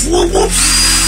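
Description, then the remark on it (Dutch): A loud real electric drill revs up and down in quick rhythmic wobbles, mimicking a dubstep bass line, then settles into a steady high-pitched whine, alone. “Dit is een gast die dubstep beats aan het nadoen is met een echte boormachine.”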